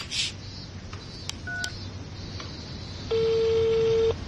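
A few short telephone keypad beeps at irregular intervals, then a steady, fairly loud ringback tone lasting about a second, over faint background hiss with no voices.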